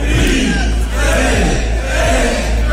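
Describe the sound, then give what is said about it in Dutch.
At night in Nijmegen, at the start of the Nijmeegse Vierdaagse walking event, a large crowd shouts the countdown "3, 2, 1" together in three loud, evenly spaced chanted calls, each rising and falling in pitch over a constant roar of many voices. “Dames en heren, we gaan aftellen.”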